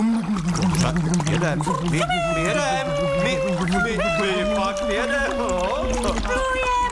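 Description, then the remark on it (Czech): Steady bubbling and gurgling as a pig blows hard through its elephant-like trunk dipped into water, used as a boat motor, a continuous churning rumble, with voice-like tones sliding over it throughout. “Zkus ten chobot ponořit do vody a fouknout. Jo. No, mohlo by to fungovat totiž jako lodní motor, víte?”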